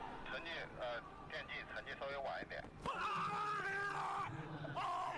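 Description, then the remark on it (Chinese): Athlete Sun Huashuo lets out a loud, strained roar of effort, sustained for a couple of seconds, as he makes a throw of 76.28 past the 75 m line in a competition, amid a noisy stadium background with voices talking. “一声怒吼，哎，就是这一下，今天的第一枪越过75米线的。”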